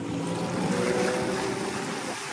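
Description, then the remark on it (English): A large ferry's engine drones steadily over a constant wash of water and sea spray as the vessel moves through waves at sea among the Mamanuva Islands and the Asawa group, loud, with no voices. “After a few hours at sea, we arrived at Mai Sunset Resort.”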